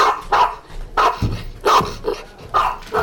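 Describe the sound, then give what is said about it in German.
A dog barks loudly, about six or seven sharp barks in quick, slightly uneven succession, with no voices around it. “Mach den Hund ruhig oder verschwinde hier.”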